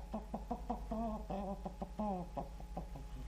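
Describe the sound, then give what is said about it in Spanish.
A rooster clucks in a quick, uneven series of short clucks, broken by a couple of longer, drawn-out calls, while being given corn to eat, with no one talking. “Maíz para el gallito.”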